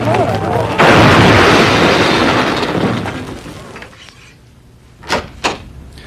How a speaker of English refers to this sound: The road home was narrow and curved, and I was driving way too fast when I blacked out. My car ran straight into an oak tree, and I flew headfirst into the windshield.